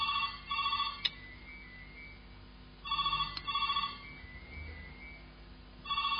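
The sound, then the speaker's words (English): A telephone rings in repeated electronic bursts, each lasting about a second, separated by short pauses of a couple of seconds. The ringing is clear, with no voices. “Who's supposed to take pick that phone up?”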